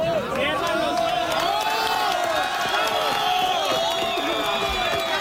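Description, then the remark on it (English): A crowd cheers and shouts continuously, many overlapping voices whooping and calling out in a loud, sustained roar of excitement, as a woman is pulled out alive from earthquake debris in Colombia after being trapped for more than 36 hours. “Crowds cheer as a woman is pulled out alive after being trapped in the debris for more than 36 hours.”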